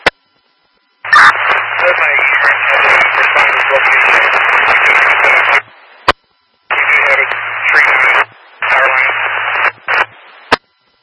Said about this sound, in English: Traffic was mostly covered in static.